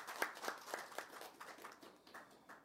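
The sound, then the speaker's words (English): A small group claps in a steady, evenly spaced rhythm for a couple of seconds, applauding the news that Air Canada will begin seasonal service on October 31st; the crisp hand claps are fairly quiet and gradually thin out toward the end. “This was one of our, that deserves a applause.”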